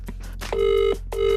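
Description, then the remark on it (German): A telephone ringback tone: two steady, buzzy, mid-pitched tones, each under half a second long, with soft clicks before each burst. There is no talking. “Also ich rufe jetzt an.”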